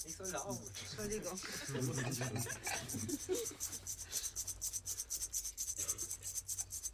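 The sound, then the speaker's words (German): An imitation of a rattlesnake rattle played in a sound-guessing game: a dry, rapid buzzing hiss pulsing steadily for several seconds, fairly loud, with a person briefly talking over its first half. “Bingo. Klapperschlange!”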